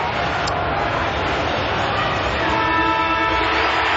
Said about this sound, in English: Luke Parker from the fence, squeezing up, finding a pocket of space and have a tight angle, but Siren's going to go as he kicks it.